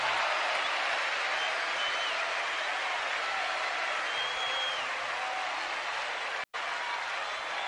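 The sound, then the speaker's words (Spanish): Steady, dense applause from an audience fills the whole stretch, a continuous wash of clapping that cuts off abruptly for an instant near the end before resuming. “Un aplauso para él.”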